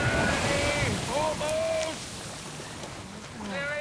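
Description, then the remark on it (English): Ocean waves slosh and wash steadily around a small rowing boat being rowed toward shore, a continuous rushing of water with gusts of wind and faint, indistinct voices in the background. “I'm pulling as fast as I can, but the waves.”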